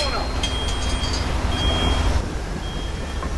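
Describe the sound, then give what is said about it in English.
A garbage truck's heavy engine rumbles steadily and loudly as it drives down a tree-lined residential street, with thin, high-pitched beeping tones sounding on and off above the low drone. “Now, a garbage truck lumbers down a tree-lined residential street.”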